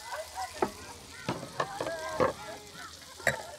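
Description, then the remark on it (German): Meatballs sizzle in a hot pan with a steady hiss, broken by several sharp crackles and pops at irregular intervals. Faint murmuring voices sit in the background. “Da kocht schon, die Bällchen sind heiß.”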